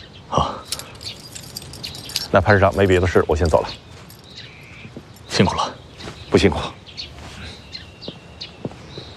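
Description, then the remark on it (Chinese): Keys jingle and clink in a few short, bright bursts, with a brief stretch of voice in between, as a set of keys to a newly assigned, repainted house in Wuhan is passed from one hand to another. “您和家人随时可以入住，这是钥匙，您拿好。”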